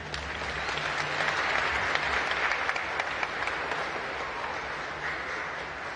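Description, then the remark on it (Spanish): An audience applauds steadily, a dense wash of many hands clapping at a fairly constant level for several seconds, with a faint low hum underneath and no voices. “Que Dios los bendiga, les damos un aplauso.”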